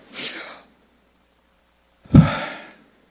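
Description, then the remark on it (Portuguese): A voice breathes audibly: a soft, airy inhale, a pause of silence, then a louder, voiced breathy exhale, rendering the Hebrew name of God (Yahweh, without vowels) as breath. Isolated, with no words spoken. “O nome de Deus é uma imagem da respiração. O hausto divino. O inspirar e o expirar de Deus.”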